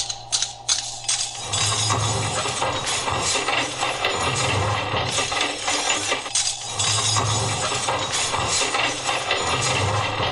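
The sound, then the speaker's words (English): A loud, continuous mechanical grinding churns for about ten seconds, with metallic clinks and rattles of silverware clattering inside a running garbage disposal as food scraped off plates goes down it, no voices. “I just scraped everything off the plates into the disposal, and the silverware made a little noise.”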